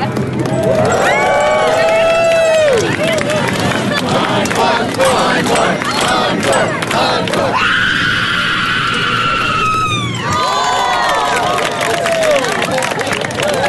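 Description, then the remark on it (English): A loud, sustained guttural scream at a screaming contest in San Francisco rises over a roaring, cheering crowd, followed by a long high-pitched shriek around the middle before the crowd's yelling and whoops surge back in. “The first guttural scream happened last month in San Francisco.”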